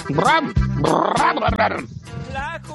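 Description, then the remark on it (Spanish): A mangy dog running loose in the street in Houston, Texas growls and snarls in rough, throaty, loud bursts, with a few short breaks between the rumbling, wavering growls over nearly three seconds. “Ese perro trae roña, muchachos, cuidado.”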